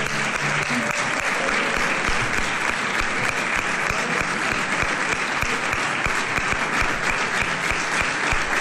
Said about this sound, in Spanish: Fuerte aplauso.